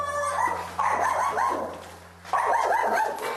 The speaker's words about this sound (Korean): 너, 그치, 나한테 당연히 짖어야 정상이지, 그치?